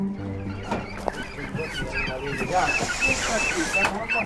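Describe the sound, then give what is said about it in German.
A crowded chorus of clucking chickens, quacking ducks and honking geese packed in small cages on the loading bed of an old delivery van parked at the roadside in the village of Lunow. It is steady and fairly loud, with sharp squawks, a thin repeating whistle-like chirp, and murmuring voices of poultry fanciers underneath. “Hühner, Enten und Gänse drängen sich in kleinen Käfigen auf der Ladefläche, kritisch beäugt von 3 Geflügelfreunden.”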